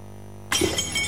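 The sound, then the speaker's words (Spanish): After a half second of low hum, phone screen glass suddenly shatters with a loud, bright crash, followed by a sustained spray of crackling, tinkling fragments until the end. “¿Pantalla rota? ¿No te carga el celular o se quedó bloqueado?”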